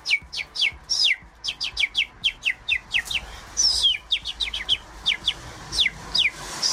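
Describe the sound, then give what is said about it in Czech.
Someone whistles an imitation of birdsong: a rapid, steady series of high, sharp downward chirps, loud and close, continuing without pause and with no talking. “umí napodobit ptačí zpěv, vždyť to je nádherně, to úplně uklidnilo.”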